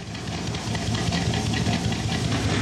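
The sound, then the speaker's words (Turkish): A car engine with a carburetor idles at low rpm, about 600 rpm, with a steady, low rumbling pulse and a faint hiss over it, running continuously without any talk. “Bu arabanın muhtemelen 750 civarında rolanti yaptığını tahmin ediyorum.”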